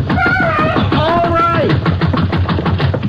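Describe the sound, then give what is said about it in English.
Rapid, insistent knocking on the door of a house in the town of Eagle Rock, Texas, at 3 a.m. on October 3rd, 1945, waking the sheriff; a quick run of sharp raps in the second half, following a brief wavering tonal sound at the start. “In the town of Eagle Rock, Texas, Sheriff Glenn Minton is awakened by an urgent knocking on the door of his house.”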